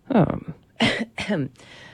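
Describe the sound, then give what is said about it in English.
A person coughs a few times, short rough bursts separated by brief pauses, with some voiced throat sounds mixed in and no clear speech. “I wish I picked a song earlier so you didn't have to hear me cough.”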